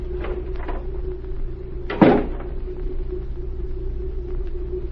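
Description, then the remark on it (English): A door opens and shuts with one solid clunk partway through, set against a steady low rumble and hum. Nobody speaks. “Now, if you will open the door, I'm going to stay here.”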